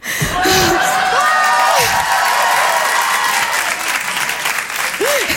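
audience applause

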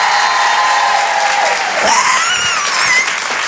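audience applauding and cheering

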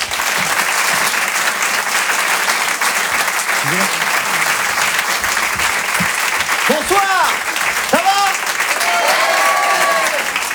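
audience applauding loudly

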